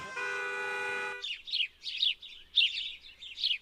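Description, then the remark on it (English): A steady, buzzy horn-like tone sounds for about a second, then gives way to a quick run of bright bird chirps, roughly six close, clear bursts with no talking. “We can use bird sounds instead of car horns.”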